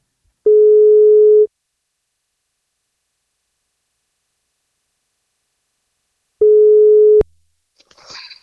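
Two long steady telephone ringback tones, each about a second, separated by a long silence, the second cut short by a click as the line picks up, followed by faint rustling; an outgoing call from the NFM radio breakfast show to a boy turning 11.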